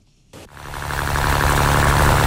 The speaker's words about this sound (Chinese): 早上7点，暖阳轻洒，海面波光粼粼。三亚崖州中心渔港内，马达声响起。